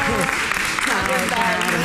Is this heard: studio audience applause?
yes